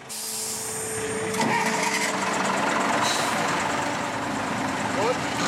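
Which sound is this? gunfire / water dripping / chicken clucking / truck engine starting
truck engine starting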